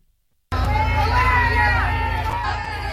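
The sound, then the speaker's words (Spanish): A large crowd boos and jeers loudly at acting president Delcy Rodríguez as she visits foreign rescue brigades in La Guaira, Venezuela, a sustained mass of raised voices with a low rumble underneath, starting abruptly after a brief silence and continuing steadily to the end. “Estos son los abucheos que ha recibido la presidenta encargada, Delcy Rodríguez, cuando ha visitado a los brigadistas de otros países en La Guaira.”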